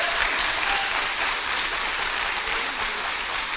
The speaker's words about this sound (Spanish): Y todo el pueblo dice: aplauso para el Señor, a Él la gloria, el honor y el poder por siempre.